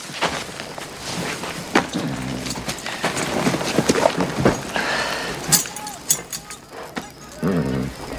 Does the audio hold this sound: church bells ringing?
no